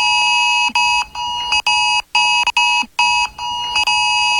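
A loud, piercing mobile phone emergency alert tone blares in repeated harsh pulses separated by brief gaps, insistent, with no voices.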